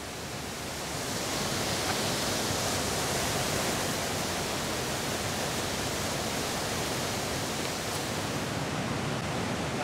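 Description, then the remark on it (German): A steady, loud roar of water rushing through a rocky gorge, broad and hissing, swells up in the first second and then holds constant throughout with no voices over it. “Was das Wasser für eine Kraft hat, wie sich das hier durchfrisst und arbeitet.”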